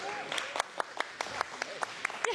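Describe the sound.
A brief round of applause: a small group clapping in sharp, fairly sparse bursts, with a murmur of background voices underneath.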